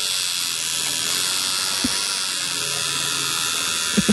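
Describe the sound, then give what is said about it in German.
A steady electric buzz from a tattoo needle machine runs without pause, with a couple of faint low knocks near the middle and end. “Klingt so ein bisschen wie meine elektrische Zahnbürste. Ist aber eine Tattoo-Nadel.”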